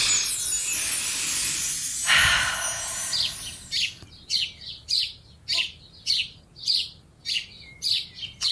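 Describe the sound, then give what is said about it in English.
A sound effect of birds tweeting in a quick, regular series of bright chirps that repeat about twice a second, clear, following a few seconds of soft rushing noise. No one speaks. “Okay, what connects some birds tweeting with a stomach rumbling, and what celebrity could that represent?”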